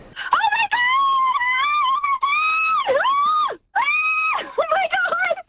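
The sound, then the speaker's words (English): A female fan screams with excitement as a singer walks on stage, loud, holding long high-pitched shrieks whose pitch wavers and swoops, broken by one quick breath before she continues. “Ah, that was beautiful screaming”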